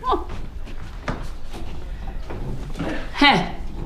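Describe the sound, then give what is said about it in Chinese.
A door with a keypad combination lock opens, with clicks and mechanical clunks followed by a short bright electronic chime near the end, over faint background voices. “这个密码锁就是方便。”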